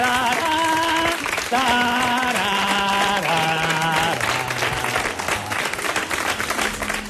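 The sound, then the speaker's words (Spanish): Loud, steady applause from a crowd fills the whole stretch, a farewell tribute to the magician Juan Tamariz, with a sustained melodic tune stepping downward in pitch ringing out over the dense clapping. “Hoy le despedimos como él acababa sus trucos, por supuesto con aplausos y su violín imaginario.”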